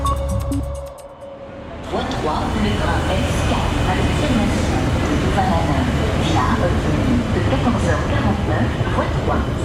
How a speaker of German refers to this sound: Willkommen am Bahnhof Luxemburg. Man hört es im Hintergrund. Was ist das für eine Sprache? Das ist Flämisch.